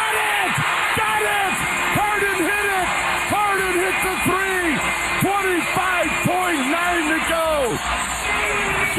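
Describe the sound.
A large arena crowd roars and cheers continuously, with many overlapping voices whooping and yelling in rising and falling pitches, staying loud and steady throughout, after James Harden hits a three-pointer in the fourth quarter of a Cavs basketball playoff game against Detroit.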